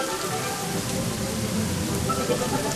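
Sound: rain falling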